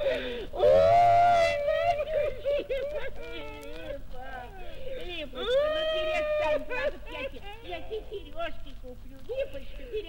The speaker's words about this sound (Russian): Липочка, перестань плакать. Я тебе сережки куплю.